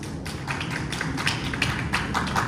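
Steady applause from a group, a dense wash of overlapping claps with sharper individual hand slaps popping out irregularly, holding an even loudness throughout with no voices.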